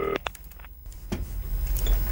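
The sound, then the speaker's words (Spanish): A retro telephone is dialed to place a call: a short tone, then mechanical clicks and a brief whirring rattle, moderately loud, with no voices. “Tengo ganas de cambiar el teléfono porque se nos quedó... Pero pasa que queremos mantener el retro.”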